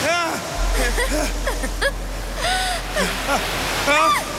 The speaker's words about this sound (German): das Wasser, es kommt jetzt! Vorsicht!